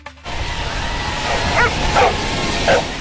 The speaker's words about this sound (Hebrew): השבוע נערכה בארצות הברית אליפות העולם בגלישת כלבים, את הקולות והנביחות משם נביא בהמשך התוכנית.